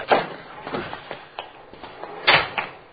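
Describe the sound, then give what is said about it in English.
A man forces the door of a Cadillac in a nearly empty, dark parking lot a little after 10:30, with a series of rattling clunks and thuds and a sharp bang near the end, moderately loud, with no talking. “He's forcing the door.”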